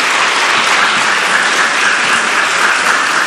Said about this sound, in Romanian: În acest concert are șansa să fie acompaniat de prestigioasa orchestră de camera sălii cu orgă, aceasta fiind dirijată de maestrul în arte, prim dirijor Cristian Florea. Vă rog să aplaudați orchestra!